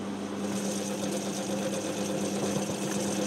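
A grape mill runs with a steady mechanical hum and a low, constant drone, crushing Riesling grapes with a faint wet churning underneath. No one speaks.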